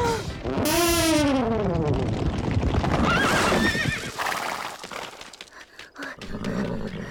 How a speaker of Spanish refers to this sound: ¡Los detuvo! ¡Sí! ¡Con su tuba! Es solo un viejo truco de vaqueros, socios. Los caballos desbocados siempre dejan de correr al oír una tuba.